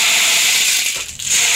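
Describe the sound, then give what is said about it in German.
A percussion instrument like a rainmaker gives a steady, bright rushing rattle of tiny particles, fairly loud and continuous, briefly thinning just before it swells again. No one speaks. “Klingt wie ein Regenmacher, so ähnlich ist es auch.”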